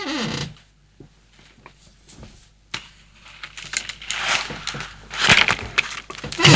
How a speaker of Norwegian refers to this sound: Så smart at det en stol som knikker sånn.